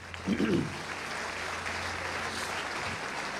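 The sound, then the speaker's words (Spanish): A crowd claps steadily for Christ, a dense wash of hand claps at moderate volume, with a brief burst of voices rising at the start before the applause settles into an even roar. “Aleluya, den fuerte aplauso a Cristo.”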